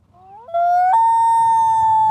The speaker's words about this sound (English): And I want you to hear their call. This is what a loon sounds like. Beautiful, right?